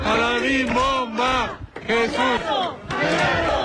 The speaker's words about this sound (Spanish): Jesús Gallardo recibe emotivo recibimiento en la Ciudad de México. Entre porras, aplausos y muestras de cariño, familiares, amigos y vecinos dieron la bienvenida al futbolista tabasqueño Jesús Gallardo tras su aparición en la selección mexicana